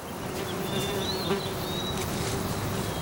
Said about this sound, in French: J'entends des oiseaux, des mouches, des abeilles et le vent.